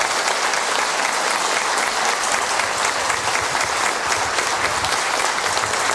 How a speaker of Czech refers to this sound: já doufám, že máte ještě jeden potlesk v záloze. Dneska, když jsme u těch výročí, slaví své narozeniny, bohužel to není s námi, protože je nemocná, režisérka Tobogánu Ivona Žertová. Ivono, tenhle potlesk je pro tebe a přání od celého divadla.